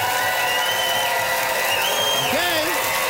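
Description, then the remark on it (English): An audience cheers loudly and steadily for about three seconds, voting by cheer for a contestant, a dense wash of noise with a few rising, wavering whoops breaking through near the end. “Listen to that crowd.”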